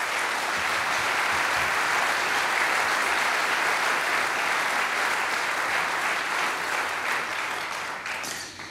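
Sustained audience applause at the opening of an event, a dense wash of many hands clapping at steady loudness for several seconds before beginning to thin and fade slightly at the end.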